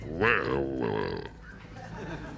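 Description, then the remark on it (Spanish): A person narrating a story pauses to voice a wild boar grunt: one loud, rough, throaty snort lasting about a second, rising then sagging in pitch, followed by a quieter stretch of low murmuring. “Me va a costar poner el ruido de jabalí mientras narro.”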